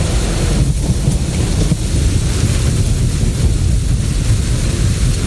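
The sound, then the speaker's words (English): Heavy rain pours down in a steady, dense roar, with deep thunder rumbling low underneath throughout, during a storm someone is driving through. Loud, no voices. “I hate driving in a storm like this.”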